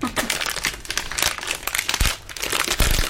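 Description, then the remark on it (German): Steady crinkling and rustling of a pair of underpants for about three seconds, a dense run of dry, crackly bursts with a few louder crunches near the end. “Knister, knister, knaster, das ist meine Unterhose, die da knistert.”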